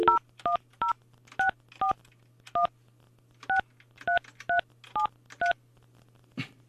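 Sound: telephone dialing tones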